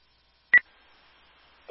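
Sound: telephone keypad dialing tones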